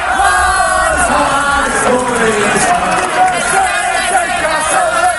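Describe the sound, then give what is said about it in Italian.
A large crowd of Hearts football fans in Edinburgh cheering and chanting together to greet and thank their players on their return from Glasgow, a steady loud roar of many voices with rising and falling shouts throughout. “Al rientro da Glasgow, i tifosi degli Hearts hanno comunque voluto salutare e ringraziare i loro beniamini.”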